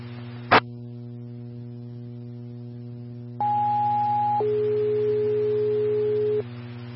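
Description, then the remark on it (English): A fire dispatch two-tone alert for Farmington Engine 6, sent to a smoke investigation at Maverick, 2701 West Main Street: a brief click, then a steady high tone held for about a second, dropping to a lower tone held for two seconds, over a constant electrical hum. “Farmington Engine 6, tones for a smoke investigation at Maverick, 2701 West Main Street.”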